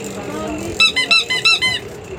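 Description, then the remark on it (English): A prize wheel, started by pushing a button in a draw for prizes such as candy and Easter baskets, spins with a quick run of about six rhythmic, high squeaky chirps that slow slightly, heard over a steady murmur of background voices. “Here comes your winner now. Watch your spinner.”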